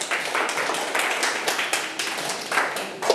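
Students in a class clap steadily for about three seconds, a dense wash of overlapping hand claps with a few sharper ones standing out, moderately loud and without speech.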